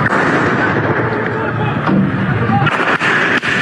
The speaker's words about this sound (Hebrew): אמש באלג'זירה פורסם תיעוד שלטענתם מציג את רגעי המעצר ואת כוחות הביטחון הישראלים יורים בו מתוך רכב לפני המעצר. כך זה נשמע.